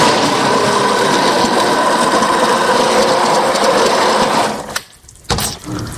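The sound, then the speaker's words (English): A loud, steady motorized whir of a blender pureeing hot vegetable soup runs for several seconds, then cuts off abruptly, followed by a brief clatter and a short burst of noise. “So if your vegetables are hot, you can just put them straight in a blender and they should retain enough heat that your blender will heat it up the rest of the way.”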